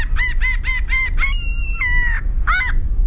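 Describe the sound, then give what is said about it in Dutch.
Common gull calls: a quick run of five short, high, nasal yelps, then a long drawn-out squealing wail and one more yelp, loud over a low steady rumble with no talking. “De stormmeeuw.”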